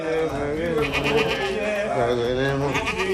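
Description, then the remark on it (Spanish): A goat bleats in long, wavering cries that run almost continuously, fairly loud, with human voices sounding underneath throughout, during a sorcerer's ritual. “vamos con imágenes que han sacudido al mundo entero por esto que hizo un brujo contra una cabra.”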